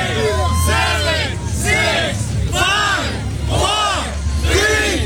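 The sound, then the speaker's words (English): Hundreds of people cheer and yell loudly and continuously, with rising and falling waves of shouting voices and whoops, urging on a police chief hanging from a bar for a full minute before finishing with a chin-up. “Well, with hundreds cheering him on, he not only went for the full minute, but finished with what appeared to be an effortless chin-up before dropping to the ground to the cheers of the crowd.”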